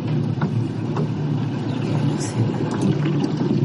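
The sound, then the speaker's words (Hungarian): Scattered small pops and cracks from the edges of a crack in a ship's hull that is not yet fully cut through, as the hull moves, come through faintly and irregularly over a steady, loud low rumble of heavy machinery or a vessel's engine. “Még nincs elvágva teljesen, és a repedés szélei pattognak.”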